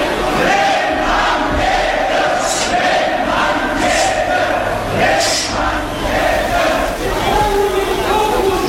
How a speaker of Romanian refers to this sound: Dar ce auzim e mult mai rău decât cel mai amarnic șef de gangster. E furia docurilor, gloata celor mici. Ia urlă, jos cu trustul. Și sunt mulți.